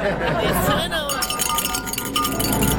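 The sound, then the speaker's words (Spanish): A small bell that was brought in clinks weakly and repeatedly, a thin, tinny jangle with little ring, while a murmur of voices carries on underneath. “Oye, esta campana que nos trajeron ni suena.”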